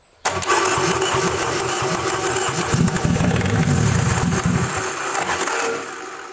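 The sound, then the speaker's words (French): An engine starter, run by connecting the last lead after powering the spark plugs, cranks with a rapid whirring churn, then the engine catches and fires, running loud and rough with uneven low pulsing before easing off at the end. No one speaks. “Et après, on va faire tourner le démarreur en connectant la dernière fiche.”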